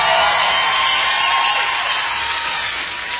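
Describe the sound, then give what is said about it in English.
A crowd in Los Angeles, California gives Pastor Bob Beeman a round of applause. It is a steady, dense wash of many hands clapping at once, holding a strong, even level before easing off slightly toward the end. “Pastor Bob Beeman, we owe him a round of applause for making it work.”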